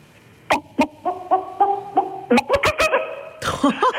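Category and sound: vocal imitation, person imitating a chicken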